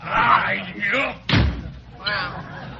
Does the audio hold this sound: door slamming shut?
yes